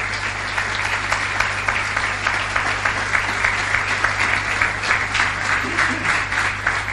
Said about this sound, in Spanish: Denle un aplauso grande al Señor.